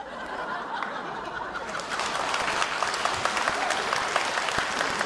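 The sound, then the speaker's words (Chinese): An audience claps steadily for about five seconds, a dense crackle of many hands that swells a little partway through, with a few scattered laughs mixed in. “这还鼓掌啊？”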